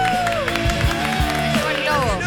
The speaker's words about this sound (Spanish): Apenas termine, por supuesto, le pido un enorme aplauso para nuestra compañera